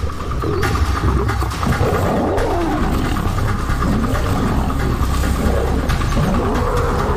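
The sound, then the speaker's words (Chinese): Male lions Cecil and Leander roar and snarl as they attack and fight an older lone male lion, a loud, continuous tangle of deep growls and rising roars overlapping for several seconds with no pauses and no talking. “塞西尔和利安德清楚这支公狮的弱点在于没有并肩作战的伙伴，他们勇猛地发起攻击。”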